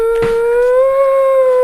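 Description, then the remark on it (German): A dog howls in one long, steady, high wail that holds its pitch with a slight rise, loud, with no voices present. “Verdammter Köter!”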